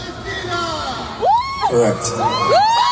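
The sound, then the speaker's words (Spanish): A loud shout in Spanish of "¡Viva Palestina!" rings out from someone in a concert audience in Amsterdam, rising and falling twice over the steady roar of a cheering crowd, with other voices whooping in the background. “ha estado en Ámsterdam tocando y alguien gritó en español, ¡viva Palestina!”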